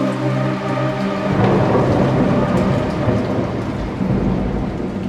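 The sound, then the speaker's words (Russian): Heavy rain pours down steadily, a dense hiss across the whole clip, with deep rumbling thunder rolling underneath and swelling louder partway through. No voices. “ты молчишь под проливным дождем.”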